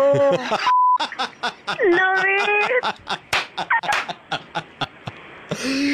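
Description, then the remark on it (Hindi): A single short, steady censor bleep cuts in briefly amid lively, animated talking during a Radio Mirchi call segment, with excited voices and laughter-like sounds continuing around it. “ये जो beep beep हो रहा था ये बीप हटा दूं मैं एक बार दिल्ली को सुना दूं?”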